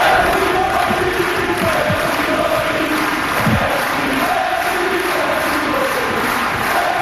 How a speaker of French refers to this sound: Et à la fin du match, il y a eu un super beau moment sur le court. Suzanne Lenglen, il voulait reprendre ses forces pour faire l'entrevue et la foule l'a remercié pour son spectacle. Écoutons un extrait de la foule qui scande son nom.